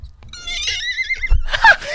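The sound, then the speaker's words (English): A horse whinnies loudly, a shrill wavering neigh that trembles for over a second, then breaks into a rougher snorting burst at the end. “Shall I tell you the other thing that scares me as well, right? Horses?”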